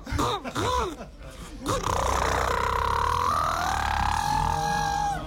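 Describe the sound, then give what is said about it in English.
A person vocally imitates a boat engine: a few short rising groans, then a sustained buzzing, humming drone that holds steady with a slight upward shift in pitch, loud and continuous for several seconds. “you're in the river. You're ready to go. Your hand is on the throttle. Let's hear it.”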